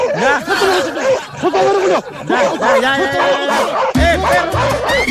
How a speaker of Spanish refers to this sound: ¡El perro! Oye, de nuevo el amigo el perro, pero ¿por qué pasa por ahí mismo, amigo? De nuevo pasarte por donde mismo. ¡Anda, perro! ¡Ya!